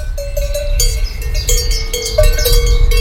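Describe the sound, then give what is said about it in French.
Cowbells worn by grazing Tarentaise cows clank and ring irregularly, their bright metallic tones overlapping over a steady low rumble in a meadow. No one speaks. “Tu te retrouves devant une prairie avec des vaches possédant des cloches.”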